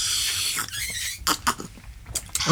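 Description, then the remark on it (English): A drink of tea or coffee is slurped noisily in a drawn-out, hissing pull, followed by several short, wet sips in quick bursts, with no talking. “So let's all drink our tea or coffee with our pinkies up now because you're being authentic.”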